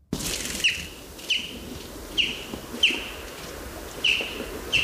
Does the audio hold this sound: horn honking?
no